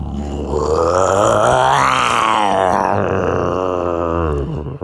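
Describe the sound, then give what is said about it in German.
A man imitates a lion's roar with one long, loud, growling vocal rumble that swells in pitch and intensity in the middle, then slowly falls away. “Kannst du einen Löwen nachmachen? Ich kann's mal versuchen.”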